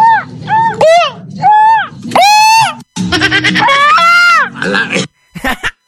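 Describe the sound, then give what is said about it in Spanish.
A loud Mexican grito: a run of high-pitched yelps with sweeping, wavering pitch that build into a long warbling yell, ending with a couple of short cries. “Dice el pollero queriendo que le enseñe a aventar su grito.”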